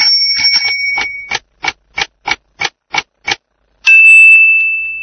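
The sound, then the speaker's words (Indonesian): A bicycle bell rings in a quick trill, then gives eight evenly spaced bright dings, followed by one long, sustained ring that slowly fades. “Darrajatun, sepeda.”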